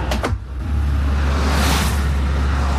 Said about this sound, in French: Ah voilà, tu vois, une flopée de voitures qui passe, tu vois, une flopée de voitures. Il n'y a pas encore les camions, mais des fois il y a des flopées de camions.